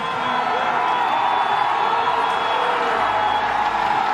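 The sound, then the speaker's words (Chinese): A large stadium crowd of Italian spectators in the stands below the commentary booth roars and cheers in a dense, continuous wash of noise, loud and steady for the whole stretch with no pauses or distinct claps, as they wait for Deromedis to cross the finish line. “在我们评论席下方的观众席已经沸腾了，现场全是意大利的观众，他们在等待着德罗梅迪斯的撞线”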